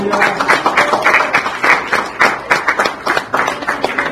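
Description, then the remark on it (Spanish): An audience at a Spanish-language church service applauds the Lord together. A dense, steady wash of many hands clapping at a brisk rhythm, fairly loud throughout with no voices standing out. “En esta hora, dale un aplauso al Señor.”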